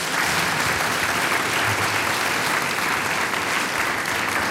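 An audience seated in a hall applauds mayor Gernot Esser of Pöls-Oberkurzheim as he is called up for an interview, a dense, even wash of many hands clapping at a constant loudness for several seconds, with no voices standing out.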